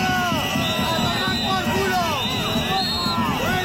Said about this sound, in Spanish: Gritos y abucheos al presidente aragonés que intentó dialogar sin éxito